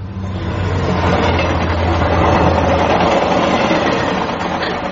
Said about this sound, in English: Crikey, that's loud. Those trains would be frequent. Oh, yes, day and night. This is a main line.